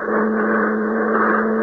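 A rocket ship's engine revs up, droning loudly and steadily in a constant roar with a humming low tone underneath that holds without pause. No one speaks.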